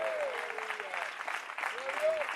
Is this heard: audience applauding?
yes